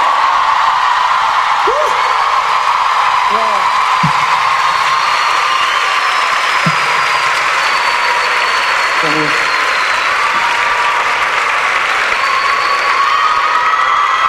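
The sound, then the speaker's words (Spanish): Sustained applause from a crowd on a broadcast of radio 96.3 Continental, General Roca, fills the whole stretch, a dense, steady clatter of clapping with a few faint shouts and whoops rising briefly above it. “Fuerte el aplauso.”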